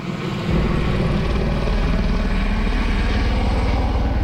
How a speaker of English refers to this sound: Helicopters drop water on flames burning through a neighborhood near Oslo.